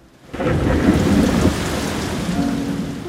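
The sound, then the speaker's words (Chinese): A downpour bursts in abruptly after a moment of quiet, a dense, steady roar of heavy rain with low rumbling beneath, loud and sustained throughout with no voices. “有一天，天空突然下起大雨。”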